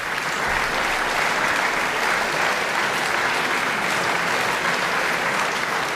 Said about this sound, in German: Begeisterter Beifall in der kleinen Beethoven-Halle in Bonn-Mufendorf. Letztes Jahr am 19. September für den Pianisten Fabian Müller.